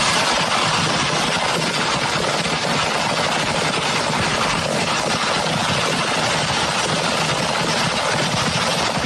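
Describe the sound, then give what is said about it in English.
A dense, nonstop barrage of fireworks at a fireworks stand going off after a fire went through the stand, crackling and booming together into a loud, rumbling roar, steady for the whole stretch with no pauses and no voices. “So this is audio of the fireworks going off.”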